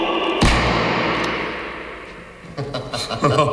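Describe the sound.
A single sharp revolver shot cracks out and rings through an underground strongroom with metre-thick walls and no air vent, its echo fading slowly before a man begins speaking.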